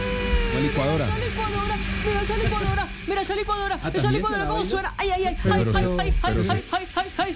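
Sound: kitchen blender running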